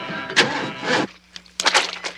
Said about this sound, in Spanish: Ace sube a su descapotable. Los demás suben a otro auto.